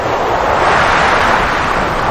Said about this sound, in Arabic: فلما قاربنا بلاد الزيتون في اتجاهنا لبلاد الصين، تغيرت الريح وأظلمت السماء وكثر المطر وحاصرنا الهم والبلاء.